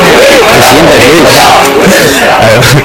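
A loud crowd of protesters at a gathering chants together demanding a new album from a singer, many voices shouting in a steady, repeated rhythm that fills the whole clip without a break.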